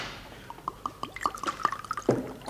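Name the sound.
water poured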